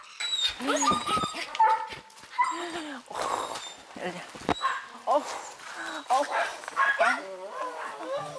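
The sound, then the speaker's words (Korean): Ellie, an old dog of about 15 recently rescued from a field, barks again and again without letup, sharp yips mixed with whiny, whimpering cries in a steady, insistent rhythm that fills the whole stretch. “아, 그런데 무슨 일인지 좀처럼 짖음이 멈추질 않습니다.”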